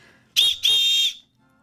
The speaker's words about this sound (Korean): 트랩 대령의 호루라기 소리에 맞춰 마치 군인처럼 절도 있게 움직이며 자기소개를 하는 아이들.